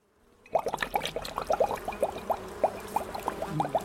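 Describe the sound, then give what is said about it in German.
Liquid is poured steadily into a sprayer bottle by a beekeeper: a greenish, foul-smelling liquid, with a rapid run of bubbly glugs and gurgles rising over a soft splashing wash. No one speaks. “der Imker, füllt eine grünliche, stinkende Flüssigkeit in einen Spritzer.”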